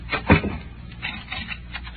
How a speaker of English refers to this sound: Do you have to lock the door? Yeah, I think I do.